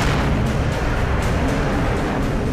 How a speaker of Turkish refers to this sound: Bir patlama daha oldu.